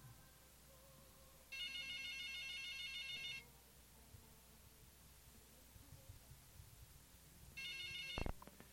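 A WhatsApp incoming call ringtone plays in two bursts, a steady bright electronic trill lasting about two seconds each, separated by a quiet pause. A brief click sounds near the end, with no voices.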